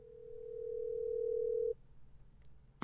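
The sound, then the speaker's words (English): A steady, single-pitched telephone dial tone, heard while calling back Evangelist Skyman to confirm, hums for nearly two seconds. It swells slightly before cutting off abruptly, leaving a low background hum and a sharp click at the end. “Let me call back Evangelist Skyman to make sure we confirm.”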